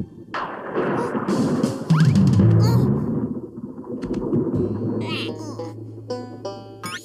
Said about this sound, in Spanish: ¡Qué extraño! No hay lluvia, solo... el ruido de la tormenta.